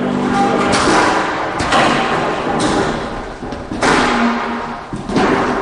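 Metal folding chairs clank and thud as they're opened and set down for a shapenote singing gathering in Virginia, arranged in a square all facing the middle, a series of sharp knocks and scrapes, with a faint murmur in the background.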